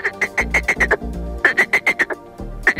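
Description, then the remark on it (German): Male frogs croak loudly in quick, rhythmic bursts of five or six calls, pausing briefly between series, with a low steady hum beneath and no voices. “Da sind die Froschmännchen ganz schön laut am Quaken. Es kann sich sehr unterschiedlich anhören, zum Beispiel so.”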